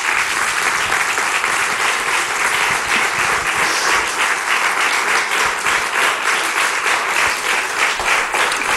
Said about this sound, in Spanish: Un aplauso, por favor.